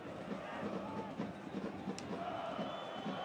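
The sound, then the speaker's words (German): A dense, steady roar of about 2,500 travelling Hansa Rostock football fans at an away match against Würzburg, with many voices blending into a continuous chanting murmur and occasional brief swells and whistles. “Und wenn Sie genau hinhören, die Zuschauer, die Atmo, das sind schon die Hansa Rostock-Fans.”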